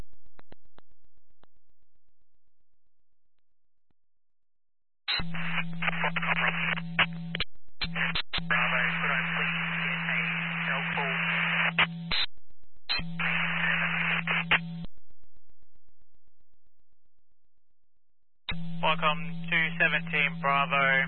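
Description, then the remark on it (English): Garbled radio transmission on a call between Rockhampton and unit 217 Bravo, smothered in heavy static and a steady hum, arriving in several choppy bursts separated by dead silence, with any voice buried and unreadable. “Viacom 217 Bravo, your message is with heavy static, unreadable.”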